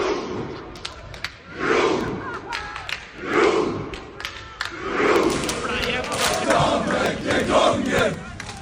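A large crowd chants in loud, rising surges while scattered claps crack irregularly through it, the hand claps falling out of step with each other and with the shouted rhythm.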